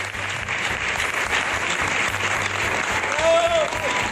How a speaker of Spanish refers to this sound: El público regaló esta gran ovación a esta actriz que tiene una de las carreras más versátiles de nuestra escena.